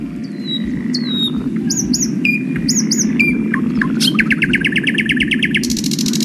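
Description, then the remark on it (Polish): A lesser whitethroat sings: a few short warbled notes, then a fast, dry rattling trill that runs on to the end, over a steady low outdoor rumble. “A na trzecim głos gajówki.”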